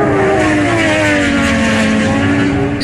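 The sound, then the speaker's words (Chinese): Loud racing superbike engines at the 2026 World Superbike Championship roar continuously, their high whining pitch holding steady with slight dips, like bikes screaming past at full throttle. No voices. “6月13号，来自中国重庆的摩托车制造商张雪机车在2026世界超级摩托车锦标赛上再次夺得分站赛冠军。”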